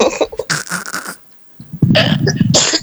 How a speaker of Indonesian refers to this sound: Itu juga, batuknya juga.